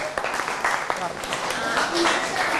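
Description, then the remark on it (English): A group of students claps for themselves in a brief, uneven round of applause during a lesson, the sharp claps overlapping steadily while voices chatter underneath. “Okay, everyone, clap your hand for yourself.”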